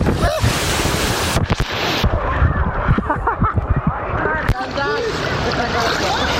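Someone rides down a 40-metre-long blue water slide tube with an 8-metre drop, open on top and winding like a snail, amid constant rushing, splashing water and wind buffeting, with a few brief vocal exclamations near the end.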